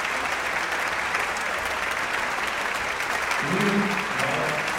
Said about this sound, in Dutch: En dan ook nog één keer een hartelijk applaus voor het Radio Phil.